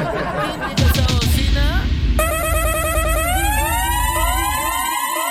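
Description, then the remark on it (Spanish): A loud siren horn wails in repeated rising and falling sweeps, bright and harmonic, kicking in after a couple of seconds of noisy, clattering sound and holding steady to the end. “indica esa bocina, mi manita?”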